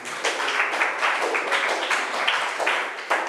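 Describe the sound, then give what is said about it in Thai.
A class of students claps together for a few seconds for group one, producing a dense, steady crackle of many hands with no pauses and no voices standing out. “ปรบมือให้กลุ่มหนึ่ง”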